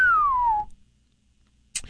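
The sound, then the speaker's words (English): A single clear whistle glides steadily downward in pitch for about half a second, fairly loud, made by a person's lips standing in for a sound effect; a short noisy burst follows after silence. “I considered using a whistle sound effect there, but we couldn't afford it, so that was actually me.”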